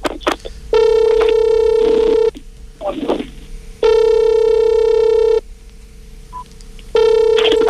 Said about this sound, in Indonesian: Coba kita telepon dulu ayahnya ya. Nanti begitu udah nyambung